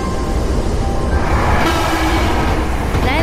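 A train rolls into a station with a loud, steady rumble of wheels and carriages, a faint high squeal of brakes rising toward the end.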